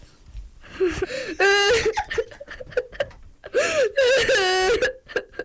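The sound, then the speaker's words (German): A primary school child fakes crying with their voice, with wavering, whimpering wails rising and falling in two drawn-out bursts broken by short sobbing catches, fairly loud. “Mit meiner Stimme kann ich weinen.”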